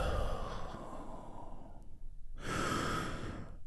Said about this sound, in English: I want you to keep breathing deeply, deeply, deeply.